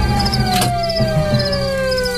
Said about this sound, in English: Yeah, how do I turn this siren off?